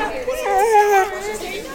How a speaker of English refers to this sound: The local therapy dogs sat patiently as students gathered to pet them during a bustling lunch hour in PSU's student union.